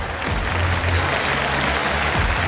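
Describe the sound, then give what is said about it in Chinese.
Sustained audience applause at a gymnastics competition, a dense, steady wash of many hands clapping at even loudness throughout, with no voices standing out. “大きな拍手を送りください。”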